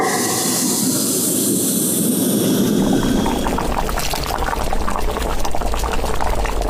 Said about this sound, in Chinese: 油半股自己熬的这个高汤，随后再加入我们刚才炒好的这个料，用这个小火熬一2分钟，把所有的料的味道全部熬到汤里，就要给它过滤一遍。